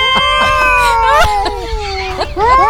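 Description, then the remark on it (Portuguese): A person's voice imitates a cat fight, drawn-out yowling and wavering howls rising and falling in pitch, loud, with sharp snarling bursts breaking through the sustained wail. “Eu vou dar uma briga de gata aqui.”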